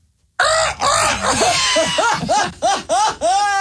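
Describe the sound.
A person's voice imitates a seagull, letting out a loud run of squealing, rising-and-falling cries for about three seconds, continuous, breaking into short repeated yelps toward the end.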